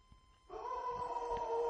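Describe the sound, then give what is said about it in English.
A dog howls: a sustained, tonal cry starts abruptly and holds steady for over a second, loud, with no talking over it. “That was a howl.”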